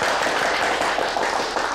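A crowd at a residents' committee gathering applauds to welcome the director of the subdistrict office, a dense, steady patter of many hands clapping at even loudness throughout, with no voices over it.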